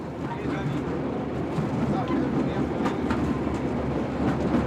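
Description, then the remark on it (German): A small rail trolley carrying railway fans rolls steadily along the tracks toward Jerusalem on a line closed to trains since 1998, with a constant rumbling drone and scattered metallic clicks and rattles, fairly loud throughout, while a voice speaks over it. “Wir aber haben das Glück, einige Eisenbahnfans bei einer Trolleyfahrt nach Jerusalem begleiten zu dürfen.”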